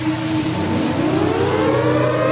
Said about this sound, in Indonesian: Nah, coba kamu dengar itu. Itu tanda sirine. Sebagai tanda akan terjadi sesuatu.